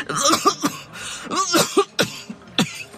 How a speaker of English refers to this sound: Her coughing had gotten worse, but that night in the mess hall was more concerning than ever.